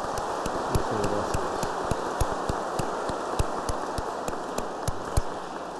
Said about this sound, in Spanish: Así que felicidades, Monseñor. Un aplauso para nuestro obispo.